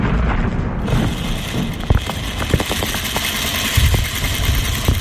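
A steady mechanical whirr of a sewing machine in a workshop in Gaza runs throughout, mixed with scattered dull booms and thuds of war explosions, fairly loud and dense, with no voices.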